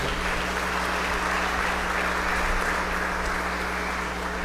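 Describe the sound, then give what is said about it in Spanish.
An audience at a Holy Eucharist applauds steadily, giving thanks for a baby girl reaching 40 days old: a dense wash of many hands clapping at once that holds at an even, fairly loud level throughout, with a low hum beneath and no voices rising above it. “Regalémosle un fuerte aplauso.”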